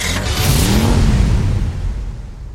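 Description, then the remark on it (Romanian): A car engine revs loudly, a strong low rumble that swells and then fades as the vehicle pulls away over a couple of seconds, with no voices. It is an Autodan car, from the Autodan dealership in Zalău, setting off on the road. “Mașinile Autodan pornește la drum cu încredere și siguranță.”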